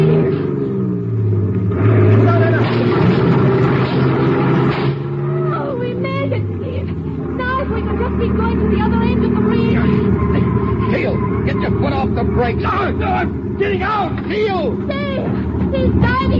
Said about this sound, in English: Step on the gas, Teal. We're going to crash that barricade on the bridge.